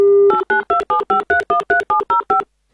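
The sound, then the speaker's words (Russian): A telephone number being dialed from a radio studio to call a listener from Volgograd Oblast: a brief steady dial tone, then about eleven quick, evenly spaced touch-tone beeps at varying pitches, loud and clear with no talking. “Давайте звонить Арстану.”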